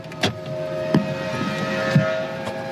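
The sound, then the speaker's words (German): Outside a historic factory hall, a truck steadily lifts a container of construction rubble onto its bed, its hydraulic motor whining throughout while sharp metallic clanks ring out every second or so. “Ein Laster lädt gerade einen Container mit Bauschutt auf.”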